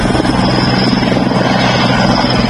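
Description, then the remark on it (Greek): A loud, steady firefighting aircraft engine drone with a low rotor-like rumble, sustained, as aircraft dive through thick smoke over a wildfire to drop water, filling the whole moment with no voices. “30 πυροσβεστικά αεροσκάφη σε μια εξαιρετικά δύσκολη συνθήκη βουτούν μέσα στον καπνό, φτάνοντας μια ανάσα από τις πύρινες γλώσσες.”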